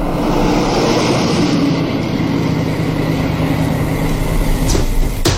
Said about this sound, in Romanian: Da, motoreta. Așa e. Motoreta asta.